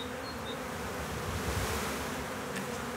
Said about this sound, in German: Die Bienenvölker teilen sich, schwärmen. Imker Gunnar Wald hat ein Volk auf St. Pauli eingefangen, das nun hier in der alten Klotzbeute von Planten und Blumen sein neues Zuhause findet.